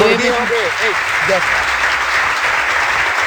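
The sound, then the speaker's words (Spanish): Steady crowd applause fills the whole stretch, dense and fairly loud, with a few voices briefly calling out near the start before the clapping continues on its own. “Ya, hombre, suficiente aplauso.”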